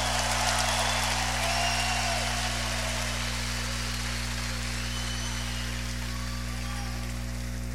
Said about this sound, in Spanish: Un aplauso a ese Dios hermoso.